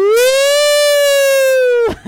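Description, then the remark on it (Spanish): A loud, sustained siren-like wail with a rising onset, held steady for nearly two seconds before dropping away sharply; it is a human voice imitating a fire siren. “A ver cómo es la sirena.”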